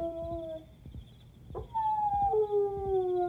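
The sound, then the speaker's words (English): A dog howls in long, drawn-out wavering tones, one howl fading and another swelling up and holding steady, heard alone over a low background rumble. “What was that? A dog howling.”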